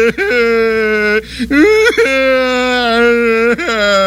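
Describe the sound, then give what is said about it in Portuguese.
A man whimpers and cries in long, drawn-out wailing sobs, his voice wavering and breaking between held, whining tones, loud with no words spoken. “Vai curtir o seu choro na cadeia, seu patife.”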